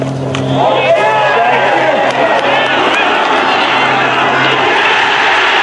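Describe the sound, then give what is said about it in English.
A large crowd, heard on tape, roars and cheers for Christy O'Connor's second golf shot. It is a loud, sustained wall of many voices with scattered higher shouts rising out of it, holding steady for several seconds. “Here is now the roar we heard Christy O'Connor on tape.”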